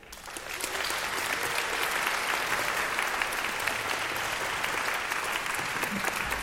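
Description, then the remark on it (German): A large audience claps steadily at the 112th Radio 3 children's concert "Manege frei" in the RBB broadcast tent, a dense wash of applause that swells within the first half second and holds at a constant level throughout, with no voices standing out. “Kein Applaus ohne Auftritt und vor allem kein Auftritt ohne Applaus.”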